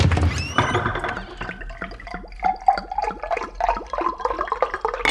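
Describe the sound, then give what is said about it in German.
Water gushes from a kitchen tap into a cup, a steady stream with bubbly, rising gurgles as it fills, fairly loud for about five seconds with no voices. “Ausgelassen hüpft der kleine König aus dem Bett und holt Wasser aus der Küche.”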